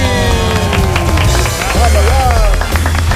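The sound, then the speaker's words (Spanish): A loud, dense burst of audience applause for a guest, steady, with cheering voices and a few whistles rising above the clapping. “Y un aplauso muy fuerte también para nuestro invitado.”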